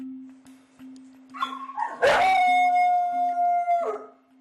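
dog howling

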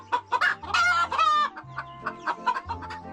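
chickens clucking

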